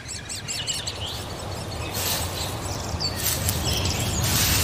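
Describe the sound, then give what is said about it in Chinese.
Great spotted woodpecker chicks beg as they are fed, with high, shrill, rapid chirping that comes in repeated bursts and swells louder toward the end, over a steady low rumble of background noise. “大斑啄木鸟正忙着喂食贪吃的雏鸟。”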